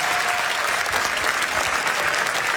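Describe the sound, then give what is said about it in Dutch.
An audience in a café claps steadily throughout for a quiz player, a dense, even wash of applause that stays loud for the whole few seconds with no voices rising above it. “Mag ik daarvoor alvast een applaus, dames en heren.”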